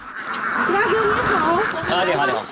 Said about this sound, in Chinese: 鸭子在哪儿？我已经听见 了。鸭子在鸭栏里面。 看一下。 对。 哇，这么多。 嗯。我们最多的时候1000把只，现在还有800多只了。